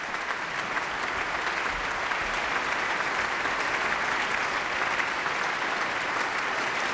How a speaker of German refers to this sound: Aber zunächst noch einmal Applaus für den Solisten des Abends. Gil Scham ist noch einmal auf die Bühne der Berliner Philharmonie gekommen und verbeugt sich vor seinem Berliner Publikum.